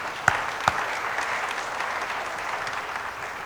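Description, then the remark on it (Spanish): An audience applauds steadily, a dense wash of many hands clapping at moderate volume, with a couple of sharper claps standing out near the start before the clapping carries on evenly. “Brindémosle un fuerte aplauso a ellos, por favor.”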